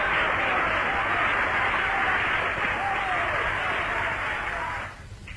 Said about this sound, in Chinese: 演出在热烈的掌声中结束了。